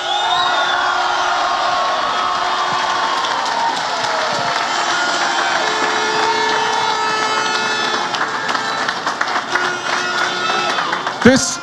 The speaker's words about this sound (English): And I wish to say, I think we should acknowledge it again. Can we give them a right cheer this time, lads?